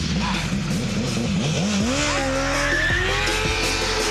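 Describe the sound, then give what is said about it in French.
A motorcycle's rear wheel locks and skids with a loud, rough screech over steady roaring noise, while the engine whines and climbs in pitch through several revs. No one speaks. “Il faut qu'ils comprennent le blocage de roue arrière.”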